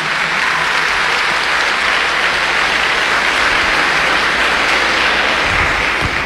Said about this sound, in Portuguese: Uma salva de palmas para as mães. Viva as mães!